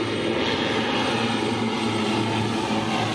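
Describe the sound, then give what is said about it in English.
A propeller airplane's engine roars steadily and loudly, a constant droning hum with a low throbbing tone, as the aircraft comes in to land. No voices are heard. “When the airplanes land, it's like they come out of everywhere.”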